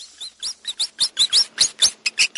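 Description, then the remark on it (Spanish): A rat squeaks in a rapid run of high, sharp squeaks, about a dozen in quick succession with an uneven rhythm, fairly loud with no other sounds around them. “No es el chillido de una rata.”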